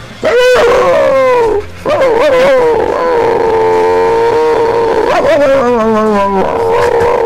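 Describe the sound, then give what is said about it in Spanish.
A person loudly imitates the bark of a neighbour's chihuahua named Plotsky, producing a continuous run of high, wavering yelps and whiny howls that rise and fall for several seconds. “Y hacía el mismo ladrido que hacía él. Que es una cosa como esta.”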